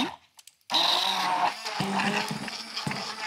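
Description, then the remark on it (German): After a few quiet clicks, a kitchen blender suddenly roars to life, its loud whirring motor grinding steadily for the rest of the moment, with no voices. It is blending strawberries with a squirt of lemon juice. “Und dann kommt natürlich unser Mixer zum Einsatz. Jetzt muss ich mal ganz kurz laut werden.”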